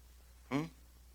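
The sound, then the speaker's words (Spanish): A single short cough bursts out abruptly, harsh and voiced, lasting a fraction of a second before fading, with faint background hum around it. “Sana, Señor, esa tos.”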